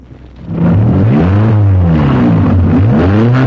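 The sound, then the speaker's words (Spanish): A car engine, started with a key, catches after a short quiet moment and then revs loudly, its pitch rising and falling in several up-and-down surges, with no talking. “Vamos a ver si enciende esta babosada. Véngase. ¿Dónde se le mete la llave, hombre?”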